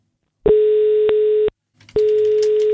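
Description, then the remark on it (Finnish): A telephone ringback tone sounds in two steady, loud beeps, each about a second long with a short gap between, heard alone with faint line noise under the second tone, as the radio station Radio 957 calls a contest winner. “Nyt on aika soittaa yhdelle kisavoittajalle.”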